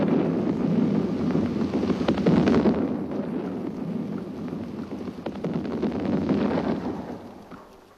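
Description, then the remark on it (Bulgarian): Explosions from a city being blown up rumble and roll on, a deep, continuous thundering with scattered crackling bursts that swells and fades over several seconds, with no voices present. “Взривяват града.”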